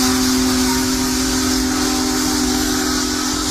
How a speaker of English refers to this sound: The world's largest steam locomotive rolled through central Iowa today.